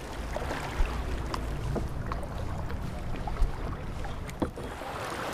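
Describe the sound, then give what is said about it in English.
Kayak paddles of a group of participants splash and dip into the water of the Owawa River in an irregular rhythm, with a few sharper splashes standing out over a steady wash of moving water and light wind noise. No one speaks. “The participants also paddle out to a little paradise on the river.”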